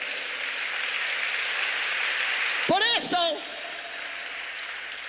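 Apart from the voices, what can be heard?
audience applause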